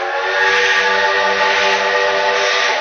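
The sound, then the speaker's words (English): A loud, sustained steam whistle blares with a broad hissing rush of steam as a huge black steam locomotive thunders up to a station, steady for nearly three seconds with no voices. “Gentili decided to go by train to Denver, Colorado, Carlos stood in astonishment as the huge black steam engine thundered up to the station.”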